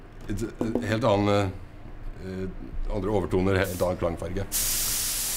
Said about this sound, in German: Jedes Instrument ist ein Einzelstück, von Hand gesprayt nach Wunsch des Kunden.